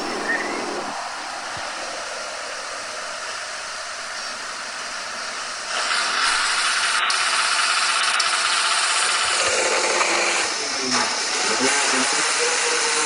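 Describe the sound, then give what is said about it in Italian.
Rally car engines, including a Peugeot making a poor start, roar at a rally start, a dense, noisy mechanical rumble that swells louder partway through and stays intense, with crowd or background noise blended in. “E quindi osserviamo appunto la partenza, diamo veramente anche il suono ai motori.”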